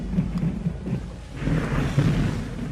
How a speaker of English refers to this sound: It's raining. Come on, let's get inside.